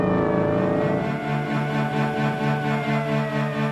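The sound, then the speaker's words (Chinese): A car engine roars loudly on a quiet, empty street at night, its harmonic drone dropping in pitch about a second in as it passes, then holding a steady, throbbing growl. No voices. “冷冷清清的大街上，不时有警车和摩托车驶过。宁静的夜晚，车子的轰鸣声显得格外尖锐。”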